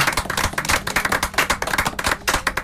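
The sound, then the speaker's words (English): A crowd claps hands unto the Lord, as called for in Psalm 47 verse 1, in a steady, dense patter of sharp overlapping claps, loud and continuous throughout, with no voices. “Oni clap ye unto the Lord, O ye people.”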